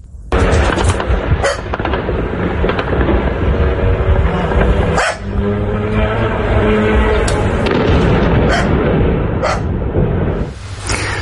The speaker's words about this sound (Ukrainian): Тільки що взорвався дрон. Щойно підірвався дрон. Був вибух. На наших очах підірвали НПЗ.